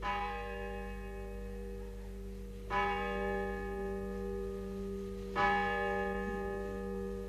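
A large bell tolls twice, about three seconds apart, each strike ringing out with a long, rich hum that lingers, carried in gusts by the wind over a steady low background rumble, heard from a hotel terrace near the sea on a hot, sunny afternoon.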